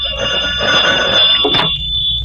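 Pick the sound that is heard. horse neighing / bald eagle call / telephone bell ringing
telephone bell ringing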